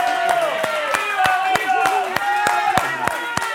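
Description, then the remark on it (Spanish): An audience claps in a steady, even rhythm, about three sharp claps per second, applauding a young woman, while voices sing or call out over the beat throughout. “Un aplauso para esta chica tan guapa.”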